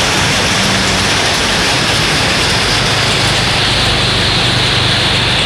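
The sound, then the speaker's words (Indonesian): A steady, even hiss of light afternoon drizzle falling in the Sanan area of Malang, continuous, soft and diffuse with no distinct drops standing out, and no voices present. “Daerah Sanan mulai gerimis segar untuk sore hari ini untuk Kota Malang.”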